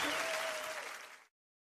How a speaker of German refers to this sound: Und jetzt gibt es einen Jenseits-Applaus